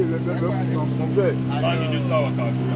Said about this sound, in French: Le moteur, c'est 15 chevaux. Un seul moteur. Un seul moteur, oui. Le moteur est sur la pirogue tout derrière. Oui, ça reste toujours derrière.